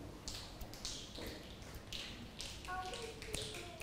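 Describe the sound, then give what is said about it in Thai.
Scattered finger snaps from several children in a lesson, made as an example of sounds that humans create, irregular and overlapping, each a short crisp click at moderate loudness, with faint voices murmuring. “เมื่อสักครู่นี้คุณครูบอกแล้วใช่ไหมคะว่าเสียงที่มนุษย์สร้างขึ้นก็คือเสียงที่เกิดจากตัวเราเองเป็นผู้กระทํานั่นเองแล้วเด็กลองดีดนิ้ว”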